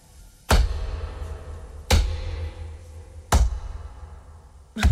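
Four heavy thuds land at a slow, steady pace, each a sharp impact with a deep low boom that rings briefly, like someone hopping on one foot. No voices are heard.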